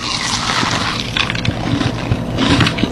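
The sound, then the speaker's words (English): Crisp, crackly crunching as someone bites into a hard, sugary pastry with powdered sugar on top, picked up by hand, with a few bursts of brittle chewing spread over a steady noisy background and no talking. “Okay, here we go. I'm taking a bite.”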